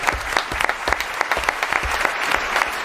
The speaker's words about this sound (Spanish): Un aplauso para Rafael, a nuestro oyente.